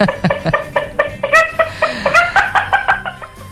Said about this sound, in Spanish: Aunque muy fin de mes, pasa la gallina del vecino.